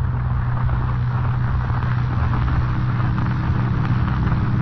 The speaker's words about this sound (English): Late the following evening, Kent and Lois Lane in another car ascend the dark and winding road up Music Mountain.